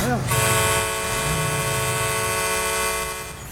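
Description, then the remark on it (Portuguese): A loud car horn blares in one long, steady honk that holds for about three seconds, sustained with a bright, buzzing tone. “Vou dar um, vamos mandar aqui, né, aqui um buzinaço para ele, ó.”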